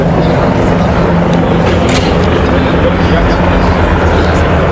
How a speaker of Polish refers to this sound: No a przed chwilą pojawiły się śmigłowce bojowe Tiger.